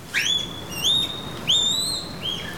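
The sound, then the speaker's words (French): A female panda calls during the January-to-March breeding season in a series of four high, bird-like chirps, each sliding upward into a thin whistle, with short pauses between them over a faint background hiss. “Oh, ces cris! C'est une femelle! Elle m'appelle!”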